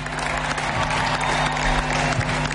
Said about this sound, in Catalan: Un fort aplaudiment, sisplau, per tot aquest staff i per suposat pel nostre entrenador, Pere Romeu.